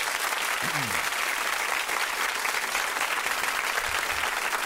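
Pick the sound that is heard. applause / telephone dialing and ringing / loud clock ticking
applause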